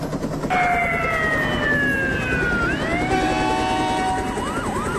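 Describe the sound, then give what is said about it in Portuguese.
Military Police and Fire Department sirens wail together through the streets of Três Corações, Brazil, during a storm, over a dense street rumble, their overlapping tones sliding down and then rising again, loud for the whole stretch. “Era um corre-corre geral de viaturas da Polícia Militar, sirenes do Corpo de Bombeiros, misturando-se aos trovões da tempestade que ia e vinha.”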